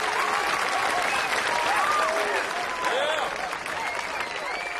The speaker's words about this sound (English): You don't have to clap every time, but thanks very much.